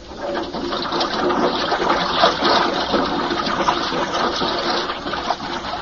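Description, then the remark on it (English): Steady rushing of water pouring into a diving lock as it is filled, a dense, continuous roar that stays loud and even for several seconds, with a faint mechanical whir underneath and no voices. “Okay, I'm going to fill the lock.”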